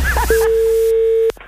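A steady, unbroken telephone dial tone hums for about a second before cutting off abruptly with a click, preceded by a brief snatch of voice.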